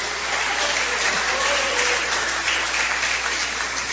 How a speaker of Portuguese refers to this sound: Bate as palmas para Jesus.